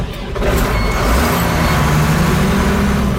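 A heavy diesel engine rumbles steadily with deep low-frequency throb and a faint mechanical whine on top, holding a constant loud drone throughout with no speech.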